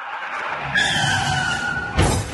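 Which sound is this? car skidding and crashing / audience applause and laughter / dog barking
car skidding and crashing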